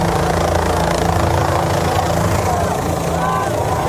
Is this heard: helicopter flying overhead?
yes